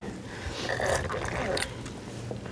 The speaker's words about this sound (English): I'm gonna juice a lemon, just for a bit of tartness, just to make it more interesting and zingy.